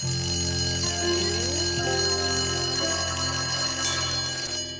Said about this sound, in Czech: Prosil bych zvonek, protože opět končí vyučování.